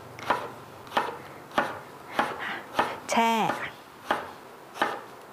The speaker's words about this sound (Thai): เตรียมทำน้ำเกลือเอาไว้เราจะหั่นมะเขือยาวเนี่ยลงไป